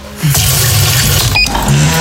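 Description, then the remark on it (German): Water pours steadily into a coffee machine's empty water tank as it is refilled, a continuous rushing sound over a low mechanical hum that rises briefly at the start and again near the end. “Wassertank leer.”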